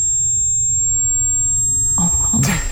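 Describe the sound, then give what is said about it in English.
A thin, steady high-pitched ringing tone, like ringing in a man's ears, holds without a break over a low rumble, with a brief burst of muffled noise and movement breaking in near the end. “All he can hear is ringing. Ringing in his ears.”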